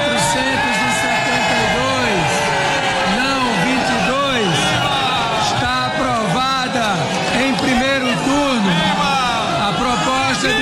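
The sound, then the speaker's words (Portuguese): A large crowd of government supporters shouts and chants President Lula's name in unison as a proposal is approved in a first-round vote, many overlapping voices rising and falling in loud, rhythmic bursts that continue without pause. “Vamos acompanhar o momento da aprovação da proposta em primeiro turno, quando apoiadores do governo gritaram o nome do presidente Lula.”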